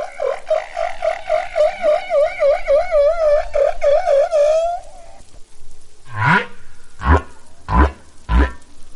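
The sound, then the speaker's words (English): Humpback whale song: a long, warbling moan that wavers rapidly up and down for several seconds, followed by a series of loud, sweeping cries and grunts, with no voices. “Male humpback whales sing long, elaborate songs to attract mates, and they learn new song types every year.”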